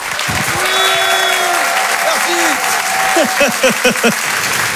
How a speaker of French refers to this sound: Faites du bruit, s'il vous plaît, un tonnerre d'applaudissements pour Félix Jean.